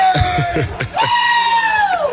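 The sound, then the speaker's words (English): Teammates shout and holler loudly in a locker room after a game, one voice holding a long drawn-out yell over a busy, echoing din of other voices. “Teammates shouting him up here in the locker room.”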